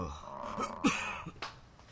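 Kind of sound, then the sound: human body sound, coughing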